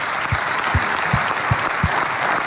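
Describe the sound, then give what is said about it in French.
Audience applause for a guest on the radio show Les enfants de cœur on Vivacité: dense, steady clapping from many hands, a broad crackling wash with a few stronger low thumps standing out at regular intervals, loud. “Ah, applaudissements”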